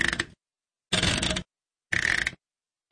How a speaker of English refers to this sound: This is the washing machine's settings knob.